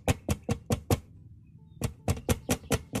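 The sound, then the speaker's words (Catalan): Sharp, rapid knocks on window glass by a young man who has climbed a mulberry tree beside the window: five quick raps, a short pause, then about six more in the same brisk rhythm, clear and fairly loud with no voices. “El xicot s'enfila per una morera a tocar de la finestra de la Mariona i tostar els vidres.”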